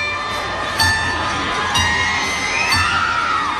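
A large concert crowd roars and cheers continuously, with high-pitched screams and whoops swelling in bursts about once a second over a dense, steady wall of noise.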